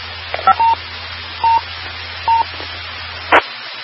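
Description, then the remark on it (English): A few short DTMF keypad tones are sent in sequence over a radio repeater, beeping over a hissy channel with a low hum, ending in a brief burst of static as the transmission cuts off. “Well, let me send a couple of tones and see if it does the beats you're talking about here.”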